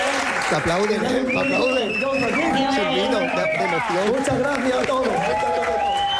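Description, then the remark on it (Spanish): Audience applause fills the whole stretch, a dense steady clatter of clapping mixed with many overlapping voices calling out and cheering, loud and sustained without a break. “Te aplauden. El aplauso del público como que engancha, ¿no?”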